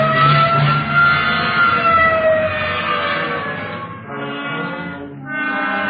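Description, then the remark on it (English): A loud police car siren, switched on as officers respond to a call, wails steadily, its rising and falling tone sweeping for several seconds with a brief dip near the end before surging again. No voices are heard. “Okay, hit the siren.”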